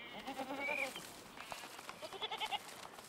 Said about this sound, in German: Das üppige Grün lockt Ziegen an.